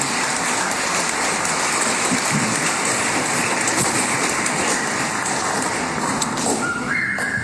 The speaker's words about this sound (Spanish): Agradecemos una vez más al coro Juventud Misionera de Los Vados por haber estado con nosotros en esta Santa Eucaristía en honor a San Juan Bautista. Les damos un cariñoso aplauso nuevamente.